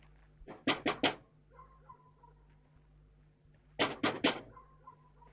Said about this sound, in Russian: На плече рюкзак, подходит к окну дома, стучит.